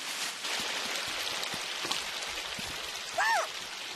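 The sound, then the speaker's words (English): A small stream of water babbles and trickles steadily, a constant hissing wash of flow, with a brief high chirp rising and falling near the end. “It's a little stream of water. What a pretty sound.”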